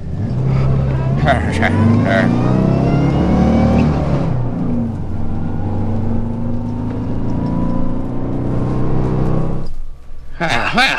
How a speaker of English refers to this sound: Oh, wait a minute. The truck hasn't stopped yet. Somebody stop that truck!